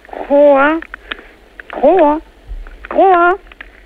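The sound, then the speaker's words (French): A Ceratophrys ornata horned frog, played through an amplifier, gives three loud, drawn-out croaks, each about half a second long and evenly spaced, with a nasal, wavering pitch that bends upward, with no other sound around them. “on va, si vous le voulez bien, arrêter de la faire coasser”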